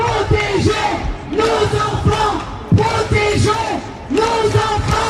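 A large crowd of protesters at a rally chants slogans such as "lève-toi" and "enfants en danger" in unison, loud, the rhythmic phrases repeating every second or so with voices rising and falling together.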